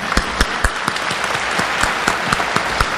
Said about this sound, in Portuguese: Muito bem, para todos os aniversariantes, nossa salva de palmas.